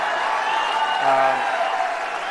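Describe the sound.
A large crowd of Birds fans booing the Supreme Court loudly and steadily, a dense roar of many voices with low, drawn-out "ooo" tones swelling in the middle before easing slightly.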